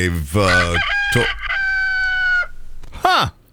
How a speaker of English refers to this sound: Okay. Our emotional support rooster